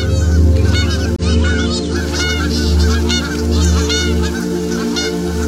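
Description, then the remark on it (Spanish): Geese honk loudly and continuously, a dense chorus of overlapping calls, with repeated harsh nasal honks layered over a steady low rumble throughout. “Gansos, pretty cool, ¿eh?”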